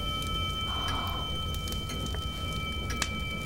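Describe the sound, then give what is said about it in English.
A steady, unwavering hum of several thin, high tones, thought in the story to come from a set of rings, holds for the whole stretch over a low, rumbling noise bed, with a few faint clicks scattered through it and no one speaking. “That humming sound.”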